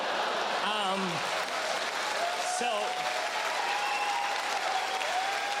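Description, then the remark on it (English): A live audience breaks into sustained, dense applause for a mention of beaver tails, fried dough snacks, staying loud and steady throughout, with a few voices calling out and whooping over the clapping. “You applauded for beaver tails.”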